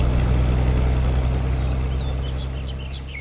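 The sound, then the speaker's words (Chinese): A car engine roars loudly with a steady, deep rumble as the driver steps on the accelerator, then gradually fades as the car speeds away. No voices. “阿成点了点头，加快了点油门，汽车风驰电掣般而去。”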